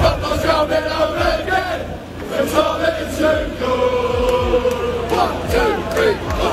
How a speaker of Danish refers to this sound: Ja, altså englænderne, de tror jo igen på, at football is coming home, altså at pokalen kommer hjem til England, som de råber.